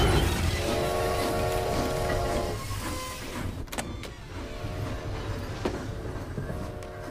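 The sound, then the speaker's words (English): A train pulls away from a station: a steady electric motor whine over low, continuous rumbling, broken by a couple of sharp metallic clanks before the whine returns. No one speaks. “No tickets, no train, no sandlot.”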